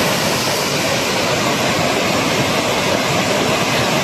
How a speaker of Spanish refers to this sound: Así suena el río Besós, que baja con mucha fuerza a esta hora. De hecho, la alerta hidrográfica es extrema. En las imágenes se aprecia el enorme caudal que está descargando.